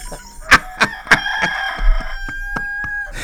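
A rooster crows once in a long, strained, harmonic call, loud, punctuated early on by several sharp clicking knocks, with no one talking.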